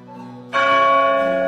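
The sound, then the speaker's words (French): A church bell striking midnight: a humming ring is overtaken by one loud new stroke that rings on, full and sustained, with rich layered overtones and no voices. “Au premier coup de minuit, elle a entendu un grand bruit d'ailes.”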